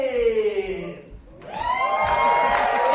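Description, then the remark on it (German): An enthusiastic audience at a Carnival Royal performance at the Chamäleon Theater on Hackescher Markt in Berlin cheers loudly, with sustained whoops and shouts from several voices, one sliding down in pitch and another rising before the crowd noise swells and holds. “Das Publikum klingt auf jeden Fall begeistert.”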